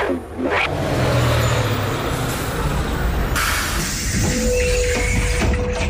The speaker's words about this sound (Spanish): Ese es el autobús que me lleva al cole. Me tengo que ir.